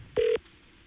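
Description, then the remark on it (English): A single short electronic touch tone from a telephone number being dialed, sounding clearly, then fading into quiet room noise. “Time to get somebody on the horn.”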